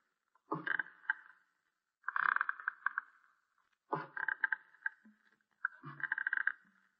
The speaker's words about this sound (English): Here he comes now. These are the creakiest stairs I ever heard.